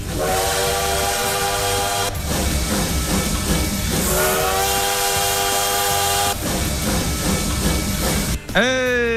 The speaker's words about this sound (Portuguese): Olha o trem bala aí, ó.